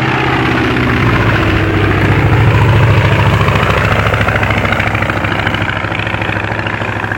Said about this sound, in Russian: Самолет! Вот он! Вот! Ой, как низко летит! Ну, совсем над нами!